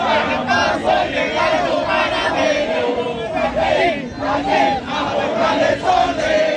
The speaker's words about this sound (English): I can hear the drums banging off in the distance as the Panamanian fans continue to sing and chant as they have been for some time.